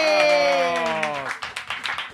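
Steady rhythmic applause congratulating a prize they were given picks up midway and continues to the end, following a long held tone that slowly slides downward in pitch.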